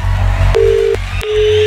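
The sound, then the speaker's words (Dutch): Two steady electronic ringback tones, each lasting under half a second with a brief gap between them, playing over a low background hum with no voices, as radio station Studio Brussel calls a listener's mobile phone. “Hopelijk zie jij nu je gsm oplichten. Of hoor je die rinkelen?”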